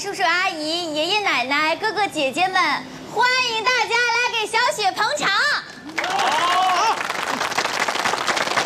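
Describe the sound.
A high, lively voice speaks for several seconds at the opening ceremony of the Xueqiang Restaurant, then the guests break into dense, steady applause welcoming the owner to speak, filling the last few seconds, with a voice briefly rising over the clapping.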